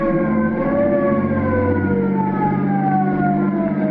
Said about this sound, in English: Listen, it's a squad car.